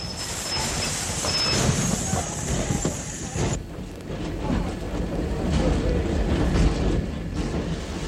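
A train rumbles steadily with a high, sustained squeal of wheels or brakes for the first few seconds, then continues as a low, rolling clatter as it pulls into the station at Potsdam.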